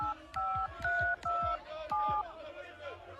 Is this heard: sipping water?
no